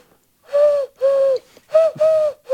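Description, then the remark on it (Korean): A person imitates an oriental turtle dove, giving four hollow, low cooing hoots in a steady rhythm, fairly loud, with short pauses between them. “맷비둘기 성대모사를 한번 해보겠습니다.”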